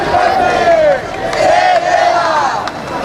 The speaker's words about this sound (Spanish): Es sonido de la protesta que arrancaba a las 6:30 de la tarde desde la Puerta del Sol hasta el Congreso de los Diputados para reclamar medidas urgentes que garanticen el derecho a la vivienda.